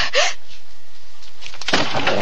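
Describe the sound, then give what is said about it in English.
Two loud, heavy crashes of a panther throwing itself against an old wooden door on rusty hinges, separated by a pause of over a second, each impact followed by a harsh, rattling burst of noise. “He's throwing himself against the door.”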